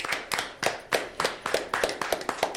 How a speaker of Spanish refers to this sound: Un aplauso.